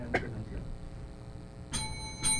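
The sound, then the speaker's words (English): A bright countdown timer bell at a candidates' event, played by the operator, rings in short bursts, one near the start and two more toward the end, with faint room noise in between; it rings once ten seconds before the first minute ends and twice ten seconds before the second. “那么麻烦呢 Operator 帮我们播放一下 Let's hear the countdown clock.”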